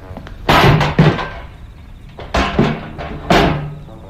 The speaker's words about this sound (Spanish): ¡Abran el vagón! Dos malhechores trepan ágilmente, accionando la puerta metálica que había quedado medio abierta y sin cerrojos.